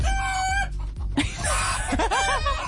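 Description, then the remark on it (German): A rooster crows loudly in a henhouse, followed by a busy jumble of chickens clucking and squawking over each other, with steady barnyard commotion throughout and no talking. “In einem Hühnerstall, in seinem Hühnerstall wohlgemerkt.”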